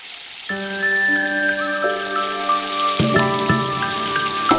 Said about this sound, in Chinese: 起锅烧油，放入豆腐坯，滑入滚烫热油，被滋滋的油泡瞬间包裹住。